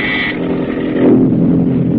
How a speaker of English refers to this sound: Now the PT's motors are muffled as it tracks the enemy.